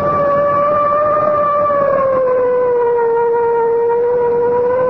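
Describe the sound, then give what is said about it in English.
A loud, steady siren, sounded from a car closing in on a sugar truck, wails continuously, its pitch sliding slowly downward over several seconds, with strong harmonics and no voices. “I guess it's time to sound the siren.”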